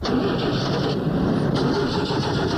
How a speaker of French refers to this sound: Francis, essaie de démarrer pour le monsieur, pour voir si on peut la démarrer.